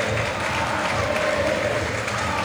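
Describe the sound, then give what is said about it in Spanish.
A large crowd of Boca fans at Boca's stadium applauds Paredes, Boca's captain, as he leaves the field, a dense, steady wash of clapping and cheering that holds at an even level throughout with no clear voices standing out. “Qué amor que hay, entre Boca, Paredes, Paredes, la hinchada, aplaudido.”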